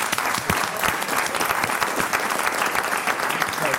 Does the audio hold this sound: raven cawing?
no